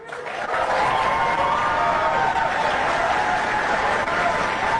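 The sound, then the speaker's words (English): A large crowd at a rally where AOC spoke applauds and cheers a call to abolish ICE, a loud, steady roar of clapping and voices that swells in after a brief moment and holds throughout. “Normally, I would be a little surprised at a whole bunch of people applauding something like this without any real detractors in the audience.”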